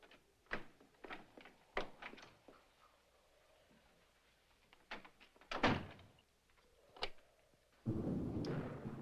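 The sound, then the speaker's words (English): A bedroom door is pushed shut with a solid thunk amid a run of sharp clicks and rattles, like a lock being turned, then a brief burst of rustling noise. “we're going to lock ourselves in my room”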